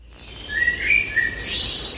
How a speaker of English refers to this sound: We're in the lounge of the house I grew up in. And dad's hung a bird feeder outside the window so he can watch the birds in the day.